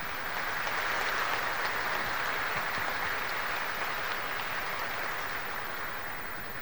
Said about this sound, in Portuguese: acolher-nos mutuamente com uma salva de palmas.